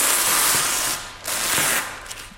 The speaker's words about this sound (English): So unwrapping a Monet. Yeah. I'm just going to lift it to where it's going on the wall. I'm going to get the sounds of the unwrapping, actually. It's quite a nice paper tape sound.